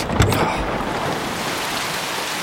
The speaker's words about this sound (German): In den Abendstunden kam der Wolkenbruch.